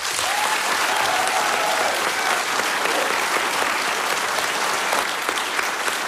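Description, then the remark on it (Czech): Sustained applause from a large audience in Havlíčkův Brod, Czech Republic, welcoming Czech Radio director general René Zavoral at a Czech Radio roadshow: a dense steady wash of clapping, loud and even throughout, with a faint whistle-like tone briefly audible early on. “Takhle vám tleská Havlíčkův Brod.”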